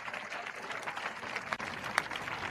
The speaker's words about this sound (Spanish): Alábalo si puede. Cuando aplauda, diga, el aplauso es para ti, Jesucristo.